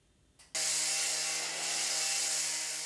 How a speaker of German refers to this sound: Laute Bauarbeiten da, wo eigentlich längst alles fertig sein sollte.